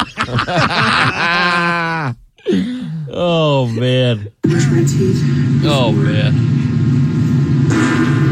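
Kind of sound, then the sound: human body sound, fart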